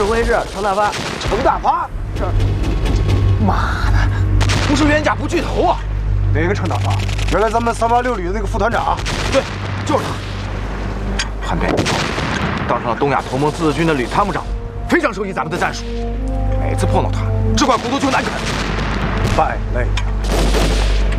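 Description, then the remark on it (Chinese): Battle gunfire from an attack on a battalion of puppet troops, not yet broken through, crackles in bursts with occasional heavy booms, a steady rumble running beneath voices talking throughout. “听这枪声，还没打进去。”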